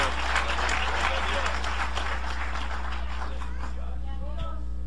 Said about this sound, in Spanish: Aleluya, dale un aplauso al Cordero de Dios. Alabado sea el nombre de Cristo.